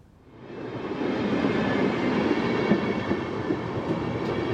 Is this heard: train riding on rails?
yes